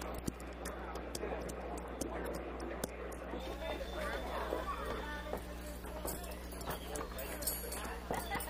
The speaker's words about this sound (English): Well, let's get these horses to the stable,